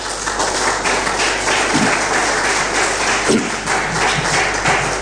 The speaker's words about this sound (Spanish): Pongamos de pie, por favor. Démosle ese fuerte aplauso al Señor.